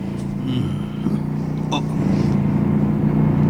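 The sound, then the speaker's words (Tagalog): A car engine rumbles low and steady as one of two vehicles pulls up and parks, with a single sharp click partway through and a slight swell in loudness toward the end. “Nagpark na ang duha ka sakyanan, apila kini atong gisakyan.”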